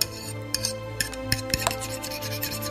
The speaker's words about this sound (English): Scrub pots. Sweep the floor. And clean the dishes.